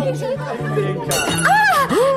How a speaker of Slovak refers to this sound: A prečo rozbili ten tanier, Plavčík? No prečo, prečo? Tešia sa s nami, Julienka. Želajú nám veľa šťastia a láska.